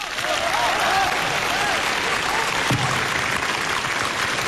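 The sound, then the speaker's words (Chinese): Enthusiastic audience applause, a steady, dense roar of many hands clapping that holds at an even, loud level throughout, with a few faint cheers or voices mixed in. “你听听大伙儿掌声够多么热烈。”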